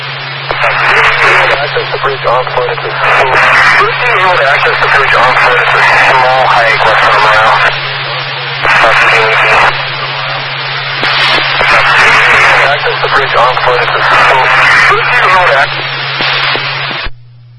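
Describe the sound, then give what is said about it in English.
Continuous radio traffic: tinny, band-limited voices crackle over a two-way channel, with short breaks between transmissions and a steady low hum underneath throughout. “I did hear some radio traffic.”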